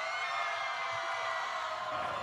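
A steady wash of audience applause with scattered cheers for a band at the first Festival Aguas con el Rock, dense and continuous at an even level for its whole short length, with no one speaking over it.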